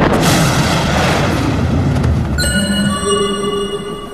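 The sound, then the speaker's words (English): A loud crack of thunder after a lightning flash bursts out and rumbles heavily for a couple of seconds, then fades under a set of sustained, ringing tones. “Lightning flashes and the jaguars vanish.”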